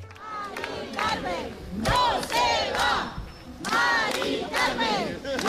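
A crowd of protesters celebrating the halting of an eviction in October 2025 cheers and shouts in loud, rising waves, many voices yelling together over steady clapping, with no single speaker standing out.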